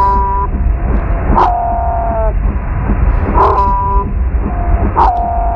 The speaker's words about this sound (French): Cette fois-ci, on va écouter un autre son que vous nous avez envoyé, celui des baleines bleues pygmées, type Madagascar 2. Alors, on l'écoute.